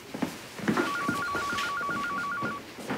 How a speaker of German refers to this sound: Ihr Telefon klingelt. Ja, ich weiß.